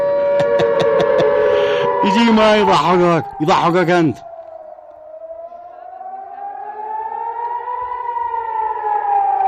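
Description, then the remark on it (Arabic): A civil defense air raid siren wails in a long, slowly rising and falling tone, steady and loud, after a burst of voices talking and laughing over it at the start. “من قناة روسيا اليوم إعلان حالة التأهب والإنذار في قطر والبحرين”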